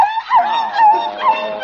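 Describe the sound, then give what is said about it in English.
A small Pekingese dog named Princess Lotus Blossom whimpers after getting soap in its eyes, a thin, high-pitched whine that rises and falls in a few drawn-out pulses, heard alone with no talking. “Did Dog get that nasty old soap in your eyes?”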